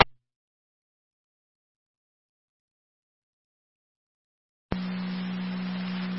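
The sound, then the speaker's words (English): After several seconds of silence, a loud, steady fire dispatch alert tone for a Youngstown fire base suddenly starts over hissy radio static and holds unbroken through the end, calling manpower to the home. “Could you hit our tones again for manpower to the home?”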